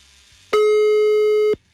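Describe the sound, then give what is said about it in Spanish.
A telephone ringback tone on an outgoing call placed live on air by a radio show on La Mejor 100.1 FM, a wake-up call to a listener on her birthday: one steady, mid-pitched electronic beep lasting about a second, loud against faint background hum, with no voices. “Ahí está sonando, cállense.”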